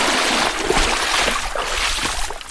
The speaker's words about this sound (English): When we reached it, the Teklinika was running fast and high, so we used a pack raft to cross